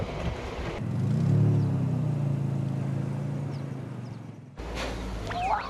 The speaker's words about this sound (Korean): 생김새도 그 이름도 귀여운 오프로드 전용 차량 푸르공. 본래 군 수송차로 개발된 까닭에 광활한 초원에서도 벌컹이는 비포장길에서도 거뜬합니다.